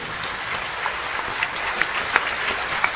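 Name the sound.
audience applauding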